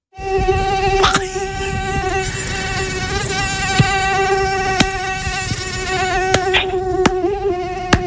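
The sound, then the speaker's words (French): A steady, high-pitched mosquito whine drones continuously for several seconds, fairly loud, with a few faint clicks scattered through it and no voices. “Moi j'ai pensé plutôt aux moustiques.”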